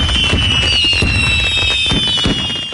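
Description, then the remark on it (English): Fireworks go off in a rapid string of loud booming bursts, with high whistling streaks sweeping overhead between the blasts. No one speaks. “light up the night sky with Boomers Fireworks in West Terre Haute.”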